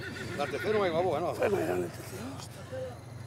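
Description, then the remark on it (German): Mares and foals whinny in a milling herd gathered for shearing, several wavering, overlapping calls rising and falling, followed by a few shorter, quieter neighs over a low, steady background rumble. “Und in dem Getümmel gehen Fohlen schnell mal verloren.”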